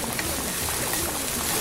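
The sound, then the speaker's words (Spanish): Water pours steadily into a blender jar holding evaporated milk, shrimp consommé and garlic, to be blended; a continuous splashing rush lasting under two seconds with no voices. “Y voy a agregarle este consomé de camarón, el ajo y voy a agregarle el agua para que se licúe.”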